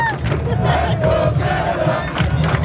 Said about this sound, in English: And while you can hear the roar of fans from outside BC Place right now, just blocks away is where the day started when about 10,000 super fans took to the streets representing Team Canada.